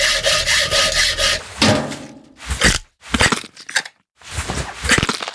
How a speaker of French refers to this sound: Et ensuite, avec une scie et des pinces, il se met à ouvrir la cage thoracique.